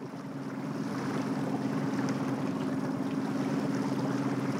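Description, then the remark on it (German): A steady engine drone with a low hum, mixed with rushing water and splashing as a small former East German training boat pushes through choppy waves in a harbour, heading toward an icebreaker, loud and continuous without any talking. “Guck mal, jetzt kommen Wellen.”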